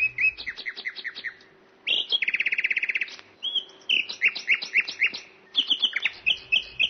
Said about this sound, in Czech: Když císař usedl a pokynul, Slavík na bidélku se dal do zpěvu.